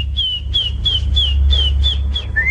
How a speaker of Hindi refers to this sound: हां तो बताओ कौन दिखाई दी? बिल्कुल ठीक, मैना। मैना मजे से गाना गा रही थी।